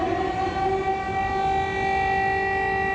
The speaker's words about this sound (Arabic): مجددا تدوي صفارات الإنذار في كييف وفي مدن أوكرانية أخرى عديدة، مجددا يتكرر السيناريو.